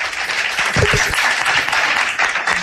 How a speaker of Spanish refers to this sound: Podéis aplaudir, para ver que la gente, que hay gente.